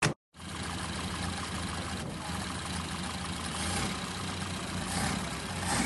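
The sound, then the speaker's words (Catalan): A car engine runs steadily as a family sets off by car for a camp, a constant low rumble with a mid-range hum that holds level for several seconds after a brief silent gap at the start. “Es van preparar i quan van acabar, Emma, Lucía, pujava al cotxe. Vinga, anem.”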